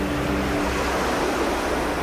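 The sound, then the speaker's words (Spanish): A steady, full roar of ocean surf washing in, loud and continuous for a couple of seconds, with a faint low rumble underneath and no voices. “El mar vuelve a llamar.”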